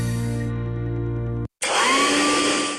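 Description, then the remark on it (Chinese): A hair dryer runs loud, a steady humming motor whine that cuts out for a moment, then kicks back on with a strong rushing blast of air. No one speaks. “老婆，这是你吹风机没选对，快试试我给你新买的戴森吹风机，这个牌子大家都说好用。”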